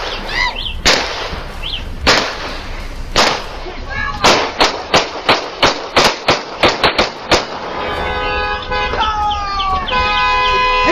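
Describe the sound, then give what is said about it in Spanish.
Loud, sharp pistol gunshots ring out as a man fires shot after shot and police officers shoot him: a few spaced shots followed by a rapid volley of about a dozen, then steady blaring siren-like tones take over. “Los oficiales de policía habían atendido otra llamada de emergencia y de paso vieron a este hombre disparando balazo tras balazo y simplemente lo detuvieron a tiros.”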